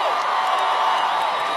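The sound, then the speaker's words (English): A large crowd at the 2026 iHeartRadio Music Festival roars steadily, a dense wash of cheering and scattered whoops that stays loud and sustained throughout, with no pauses or single voices standing out. “Oh, we've got quite the crowd in here.”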